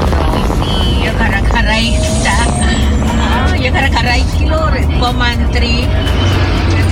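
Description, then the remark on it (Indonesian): A steady low rumble of congested road traffic, cars and heavier engines idling and creeping along in a jam heading toward the Krepet junction near Bululawang, with indistinct voices mixed in throughout. “Lah iki macet ya. Yang ke arah pertigaan Krepet.”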